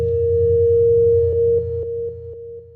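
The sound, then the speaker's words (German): A steady, piercing alarm tone sounds over a low humming drone, and in the second half short regular pulses break through it as the level steps down slightly. No voices. “Mama, hörst du den Alarm?”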